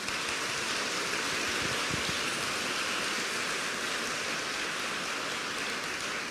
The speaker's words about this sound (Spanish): Denle un aplauso al amoroso Dios.